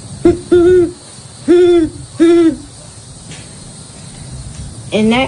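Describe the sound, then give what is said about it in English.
A child imitates a great horned owl: four deep, breathy hoots in an uneven rhythm, fairly loud, then a quiet pause and one more voiced call at the end. “And I'm going to be doing bird calls for all the common American birds. Starting off with the great horned owl.”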